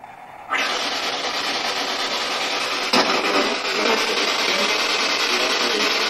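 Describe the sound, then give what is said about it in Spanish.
Harsh, steady white noise from a Spirit Box radio during a paranormal session bursts on after a brief quieter moment and hisses on without pause, broken once by a short sharp crackle midway. No voices are heard. “Y más curioso es si analizamos el fondo del audio y descubrimos dos claras respuestas a la pregunta enmascaradas en el ruido blanco de la Spirit.”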